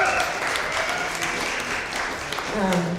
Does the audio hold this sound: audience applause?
yes